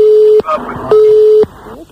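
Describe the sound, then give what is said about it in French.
A phone line's cut-off tone: two steady, mid-pitched beeps, each about half a second long, separated by a short gap. Voices talk over the gap and after the second beep. “Je sais pas ce qui a coupé, mais ça a coupé, en tout cas.”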